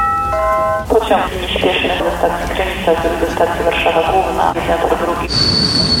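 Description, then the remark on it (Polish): An old heritage passenger train in Poland, a vintage locomotive pulling classic olive-coloured retro carriages, rolls along the rails with a steady rumble and clatter, opening with a brief horn-like tone and carrying a high metallic whine near the end. “który przypomina, jak kiedyś podróżowało się po Polsce koleją. Jest dawna lokomotywa, wagony w klasycznym oliwkowym kolorze z wyposażeniem retro i oczywiście wars.”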